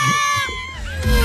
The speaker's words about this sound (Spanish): Mira lo que grita la gente, mira. El cuero de pericote. La gente lo que está gritando, mira, escucha.